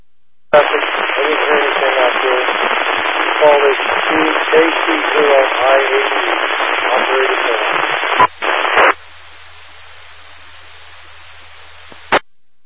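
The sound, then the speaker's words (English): A muffled, garbled voice from a weak station transmitting through a radio repeater comes over the channel for several seconds, then breaks off into a steady hiss of static with a low hum, ending in a sharp click. “Station, you are still down in the noise.”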